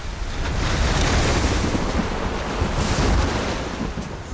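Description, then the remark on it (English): Steady open-sea ambience in the Caribbean, heard aboard a ship: broad, rushing wave wash and gusting wind buffeting the microphone, loud and continuous with gentle surges, no voices. “And when I woke, we were surrounded by nothing but the endless blue-green of the Caribbean.”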